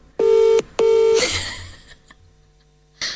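An outgoing mobile phone call ringing on speakerphone: two loud, buzzy ring tones separated by a short gap, a quieter pause, then a third ring beginning at the end. No one answers.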